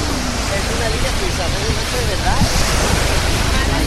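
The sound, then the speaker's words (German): Steady, full-bodied roar of surf washing onto the beach at Playa de Palma, a continuous hiss with no breaks, while faint voices of a very quiet crowd awaiting a total solar eclipse murmur indistinctly in the background. “Und zwar extrem ruhig, keine Musik, nur das Meeresrauschen im Hintergrund.”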